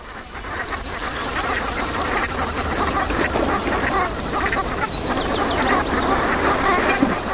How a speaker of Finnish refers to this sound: viikon luontoääni Sepel Hanhi